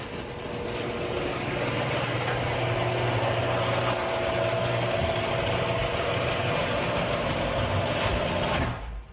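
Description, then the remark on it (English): A noisy garage door, before premium nylon rollers were fitted, runs with a loud, steady mechanical rumble and grinding rattle, a faint whine threaded through it, for about nine seconds before cutting off abruptly. No one speaks. “I'm going to play some audio of what my garage door sounded like before I got my premium nylon rollers.”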